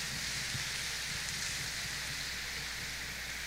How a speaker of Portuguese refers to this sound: Esposas ou filhos, uma salva de palmas para os diáconos e seus familiares. Deus os abençoe.